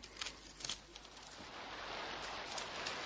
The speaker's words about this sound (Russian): И когда только этот дождь прекратится? Если бы не твой зонтик из бересты, Дерсу, я сегодня не смог бы делать запись. Третьи сутки льет.